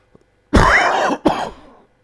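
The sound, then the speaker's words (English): A loud cough followed by a raspy throat clearing, two harsh bursts about half a second apart with no talking around them. “Oh, sorry, I thought I pressed the cough button. I apologise.”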